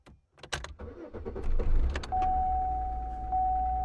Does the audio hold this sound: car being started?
yes